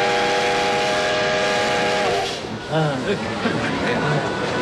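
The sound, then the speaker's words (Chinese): A steam train whistle blows a loud, steady multi-tone blast for about two seconds as the train departs, then gives way to rumbling, hissing train noise with indistinct voices in the background. “我先乘火车到满头沟，再坐马车到长辛店，然后从长辛店坐火车南下。”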